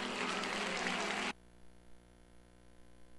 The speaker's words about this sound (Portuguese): Aplausos.